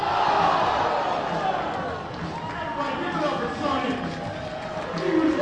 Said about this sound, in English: Well, you just heard a loud crowd reaction. We had a fan in between innings. They're doing a in-between inning activity. You always see in minor league parks some fan entertainment. A fan in one of the suites was throwing foam baseballs